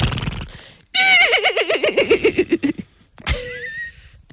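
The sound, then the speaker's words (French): Two voices take turns imitating a horse's neigh in a horse-imitation contest: a long, loud, quavering whinny that wavers down in pitch, then a shorter, higher, rougher attempt after a brief pause. “Alors à toi, on le fait ensemble. Attends. Allez, concours de cheval.”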